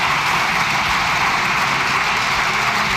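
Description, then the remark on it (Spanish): Grupo Popular (PP) deputies in parliament applaud Núñez Feijóo after his speech, a dense, steady wash of clapping that holds at an even, fairly loud level for the whole stretch, with no voices audible. “No es que estén aplaudiendo a Francina Armengol, porque puede, pues muchas gracias, siguen aplaudiendo, muchas gracias, no es a ella, es el Grupo Popular aplaudiendo a Núñez Feijóo.”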